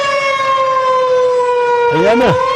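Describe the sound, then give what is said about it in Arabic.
A loud air raid warning siren in Khamis Mushait warns of danger. It holds a steady, droning tone with rich overtones for the whole stretch, while a brief voice rises and falls over it near the end. “عاجل عاجل عاجل، إعلام تابع للعدو السعودي، إعلام العدو السعودي، الآن الآن وليس غدا، يطلق إنذار في خميس مشيط للتحذير من خطر.”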